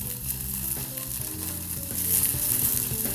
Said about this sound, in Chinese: 是，香菇丝就直接下。 好，爆香。这个香菇就是我们的泡发香菇。 对，我们的干香菇。